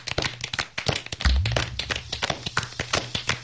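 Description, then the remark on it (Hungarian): Audience applause for Mr. Wolf's performance: a steady patter of many overlapping hand claps, irregular and fairly loud, running for a few seconds with a low hum beneath and no voices. “Tapsoljuk meg farkas urat.”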